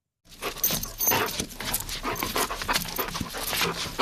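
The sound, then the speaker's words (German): Garon, a Hovawart dog with a black-and-brown coat and floppy ears, pants steadily with quick rhythmic breaths continuing throughout, accompanied by faint jingling like a collar or tags moving. “Garon ist ein Hoverwart. Das ist eine Hunderasse mit schwarz-braunem Fell und lampi Ohren.”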